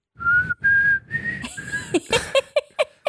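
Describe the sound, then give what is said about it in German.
Someone whistles a song, holding clear sustained notes for the first second and a half, then breaking into short, choppy pitched chirps and quick slides toward the end. “Wow, ey, du hast richtig gut gepfiffen.”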